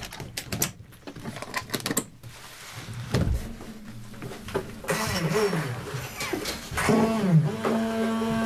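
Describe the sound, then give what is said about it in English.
A car engine starts up after a burst of clattering mechanical clicks, then rumbles and revs, its pitch rising and falling in a couple of surges, with no talking. “The motor car starts.”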